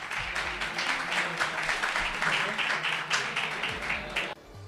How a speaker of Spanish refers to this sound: Pues con aplausos terminó la asamblea tensa en la que el presidente, que insisto, para mí estuvo brillante, dejó varios titulares.